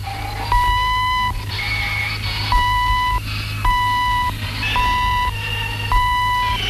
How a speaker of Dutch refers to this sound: Het is een apparaat vol transistors, waarin de moderne elektronica en de chemie elkaar ontmoeten. Komt het instrument in aanraking met vloeistof, dan ontstaat een doordringende pieptoon die hoorbaar wordt via een luidsprekertje.